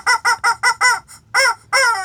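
A loud chicken calls alone: five quick, evenly spaced harsh cries, then a brief pause and two longer, drawn-out crowing calls, the last trailing off.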